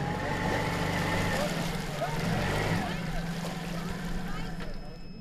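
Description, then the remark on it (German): A boat motor drones steadily at low pitch, fairly loud, with faint watery sloshing; the engine note wavers slightly and eases off toward the end. The boat is on an overgrown canal in the Krummhörn, Germany, heading toward Pilsum, its motor running at half power after driving into a mat of algae. “Der Motor läuft nur noch mit halber Kraft.”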